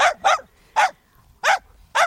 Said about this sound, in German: Ja klar, dann den Hund von meiner Nachbarin, der immer so laut bellt.